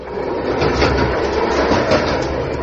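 A steady, loud rumble of a train carriage rolling along the rails, with a dense low roar and faint repeating rattles running through it, heard from inside and with no one talking.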